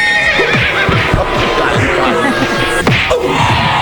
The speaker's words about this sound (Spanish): Un caballo, esto no puede ser.